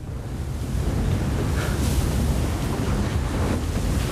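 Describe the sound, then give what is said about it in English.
A steady, continuous roar of ocean surf with waves washing in as a young woman on a board catches a wave, heavy low rumble and some wind buffeting the microphone, no voices present. “He watches the attractive young woman catching a wave. She carves the glassy water ahead of it like a pro.”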